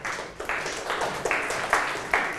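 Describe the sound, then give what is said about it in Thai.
Students in a classroom clap together for a classmate in a steady, even rhythm, roughly five accented beats in a couple of seconds, over a dense wash of scattered hand claps. No one speaks. “ลาวาเก่งมากนะครับปรบมือให้เพื่อนด้วยครับ”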